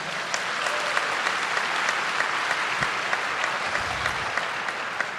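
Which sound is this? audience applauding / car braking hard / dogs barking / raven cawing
audience applauding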